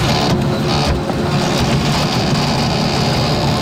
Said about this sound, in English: And you've got to hear this thing. This is not just a slow printer. This has to be a defective. I don't know if this thing is going to explode. I don't know if it's going to overheat. It sounds dangerous. I recorded it. I just want you to hear this.